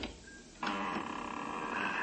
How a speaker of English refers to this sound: Ah, here goes the lock. Now to open this door without making too much noise.